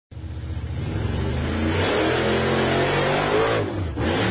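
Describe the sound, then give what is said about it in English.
A loud engine revs steadily, its harmonics climbing in pitch over several seconds before a brief dip and a renewed surge near the end, with no talking. “Yeah, rev that thing up as we go to the phone lines and get a winner for the four-wheel jamboree.”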